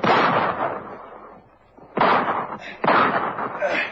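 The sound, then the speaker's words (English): Three sharp, loud pistol gunshots, fired during a bank robbery, with sudden onsets, the first decaying slowly, the others following about a second apart with rumbling reverberant tails. “Crazy square with a pistol. He shot me.”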